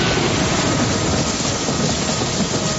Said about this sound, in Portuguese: E quase ao final de um desses passeios que ela sempre fazia quando estava no castelo de Windsor, ela foi surpreendida por algo muito assustador. Que chuva torrencial!